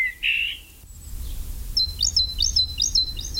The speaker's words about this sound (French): Le numéro 18, évidemment, fréquente souvent l'homme, c'est la mésange charbonnière.